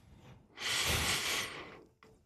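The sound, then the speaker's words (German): A long, deep inhale through the nose, a steady airy rush lasting about a second, followed by a brief short sniff at the end. No one speaks. “Du musst am Schluss nochmal, wenn du die Nase einschnaufen, musst du nochmal ein bisschen einschnaufen durch die Nase.”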